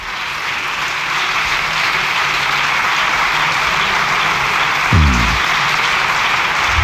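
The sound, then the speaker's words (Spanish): A large crowd in parliament applauds in a long, dense, steady roar of clapping that holds at an even, loud level for the whole stretch, with no voices and a brief low thump near the end. “Largo aplauso, ¿eh?”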